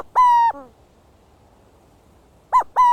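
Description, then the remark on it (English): A burrowing owl calls with clear, hollow cooing notes: one drawn-out coo, a pause of about two seconds, then two quick coos in a row. The calls are loud, with no talking. “And let's not forget the burrowing owl.”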